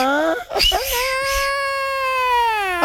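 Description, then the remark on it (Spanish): A voice imitates the ghostly wail of La Llorona, one long high moaning cry that rises briefly, then holds steady and mournful for about two seconds, loud, with no other sounds. “Se la llorona, ¿no, güey?”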